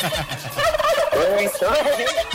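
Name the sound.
turkey gobbling sound effect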